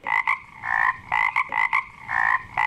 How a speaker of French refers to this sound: Mais le plus drôle, c'est, tu sais quoi, moi, te le dis, c'est qu'ils jasent entre eux autres, les grenouilles.